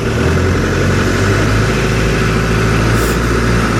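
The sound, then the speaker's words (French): A tractor engine runs loud as the tractor is driven on a circuit, a steady low mechanical rumble that holds without pause for the whole stretch, with no voices. “Un jour, vous avez même conduit un tracteur.”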